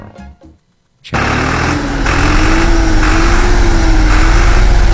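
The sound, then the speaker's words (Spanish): A tractor given by the Ecuadorian government to farming families in Ecuador starts up loud after a second of near silence, then runs steadily at work with a continuous droning hum and rough rumble that slowly rises and dips in pitch. “Señor presidente, aquí está el tractor que usted nos dio. Está trabajando y con toda nuestra gente.”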